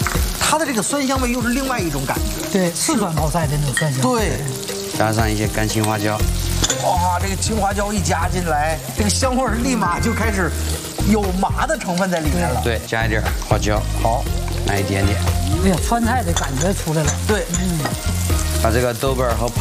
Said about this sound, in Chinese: 这是泡椒泡萝卜， 对，炒香，然后酸菜， 好， 把它炒出那种乳酸的酸香，我们再加点姜蒜啊。